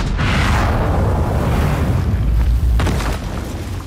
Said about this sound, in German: Ein Kanonenschuss zerstört eine Engelsstatue in einer gewaltigen Staubexplosion. Damit beginnt die Oper.